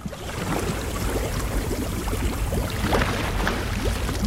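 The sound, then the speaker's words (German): A submarine door opens at a landing dock with a steady, rushing watery hiss and low rumble that fills the whole few seconds, fairly loud, with no one speaking. “Mach die U-Boot-Tür auf.”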